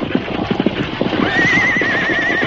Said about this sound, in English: You can't stop them horses. They'll pull you right along.